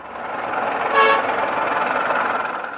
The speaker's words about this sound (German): Verkehrschaos gehört in Hanoi einfach dazu. Das gilt auch für den vielbefahrenen Tian-Tien-Kreisverkehr.